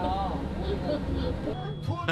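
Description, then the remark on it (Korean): A steady low engine rumble from a public bus in motion on Wido island runs throughout, heard by riders aboard beneath people talking. “아, 위도에 왔을 때는 이 공영버스를 타야만이 제일 즐거움이 있는 것 같아요.”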